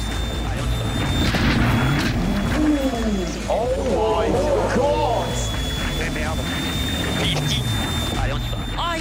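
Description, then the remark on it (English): A loud, continuous rally car engine heard onboard with a driver, revving and shifting pitch on a stage with standing water, with a man's excited voice shouting over it. “We're on board with … now.”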